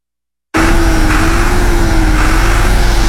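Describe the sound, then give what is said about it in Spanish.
After a brief silence, a working tractor's engine starts up loud, holding a steady, deep rumbling drone with a constant low hum and no voices. “Señor presidente, aquí está el tractor que usted nos dio. Está trabajando.”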